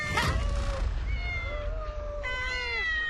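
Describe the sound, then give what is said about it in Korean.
Several cats meow in overlapping, drawn-out cries, one after another, loud over a low rumbling background, with a higher, wavering meow rising near the end. “웬 야옹 야옹?”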